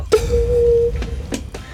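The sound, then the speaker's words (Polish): A beatboxer's voice imitates something dropping into a well: one hollow, resonant plop that rings out with a long echoing tail, followed by a few softer clicks and taps. “Tak jakby spadało coś do studni. Tak zawsze mi opisują dzieciaki, że...”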